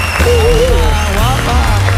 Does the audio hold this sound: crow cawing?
no